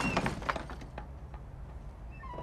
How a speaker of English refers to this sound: She stands in front of the flaking wooden doors and hesitates. There's no response. She pulls the door, and it opens.